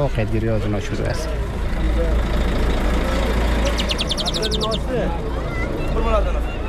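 A large idling engine rumbles steadily beside a bus bound for Herat as a family with a small bird boards, while a crowd of people chatter and call out, with a short run of rapid beeping partway through.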